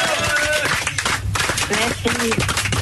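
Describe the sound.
A small group claps steadily for a few seconds to welcome a guest, a dense patter of hands with voices calling out and talking over the applause.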